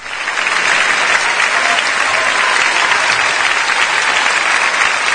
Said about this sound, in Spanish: ¿Ese aplauso para usted? Este aplauso es para... A ver. Para lo siguiente que tenemos.